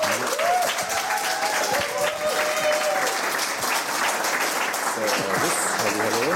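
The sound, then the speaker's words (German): Sustained audience applause welcoming the guest Gringo Meyers, a dense steady wash of clapping at constant loudness, with a voice faintly speaking underneath near the start and end. “Großer Beifall.”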